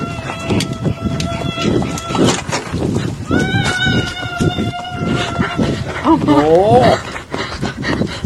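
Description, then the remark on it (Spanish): A shrill, drawn-out scream approaches from a distance, swelling over a noisy rumbling background, then breaking into a wavering, quivering wail near the end. “Oigan cómo viene de lejos el grito y ya va a impactarse con él.”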